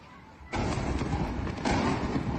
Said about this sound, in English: This footage shows explosions in the city of Bandar Abbas, home to Iran's largest commercial port. The U.S. military says the strikes are in retaliation for Iran attacking several ships in the Strait of Hormuz.